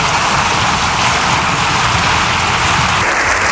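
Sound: long audience applause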